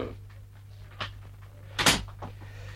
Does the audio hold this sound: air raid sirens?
no